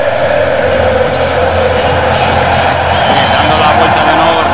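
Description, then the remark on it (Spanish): A huge stadium crowd roars and cheers in a continuous, dense wall of sound, loud and steady throughout, with countless voices blended together and no single speaker standing out. “Así suena ahora mismo el estadio.”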